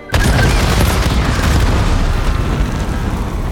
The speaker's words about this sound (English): As soon as they land, they explode violently into the crowd.